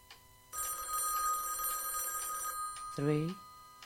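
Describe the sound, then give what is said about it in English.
An old-style telephone bell rings in one sustained, fairly loud burst of about two seconds, followed by a brief voice sound right after it stops. “Three rings. Only three.”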